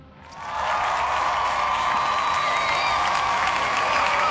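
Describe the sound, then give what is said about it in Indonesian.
A crowd bursts into applause after a brief quiet moment, then keeps up a steady, dense wash of clapping with some cheering. It is fairly loud, with no talking. “Kita kasih tepuk tangan ya.”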